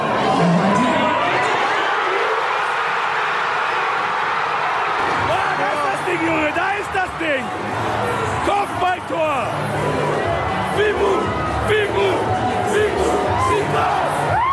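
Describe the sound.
A crowd of about 500 football fans roars and shouts together, including the chant "Fimbu" (Lingala for "whip"). It is a loud, dense wall of voices with rising and falling cries that continues steadily throughout.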